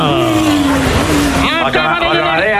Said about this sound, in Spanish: Ahí está, ojo que llega el autobús, va a llegar, 3, 2, 1, ¡topa!